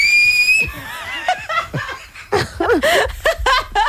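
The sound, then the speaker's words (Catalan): A brief, clear whistled note opens, followed by breathy, sputtering attempts at whistling that dissolve into snickers and giggles from several people. “Va, xiular, home, xiular.”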